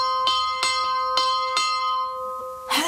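A bell is struck about five times in quick, slightly uneven succession to summon a ferryman across a lake, its clear ringing tone sustaining and slowly fading, followed by a short rustling noise at the end.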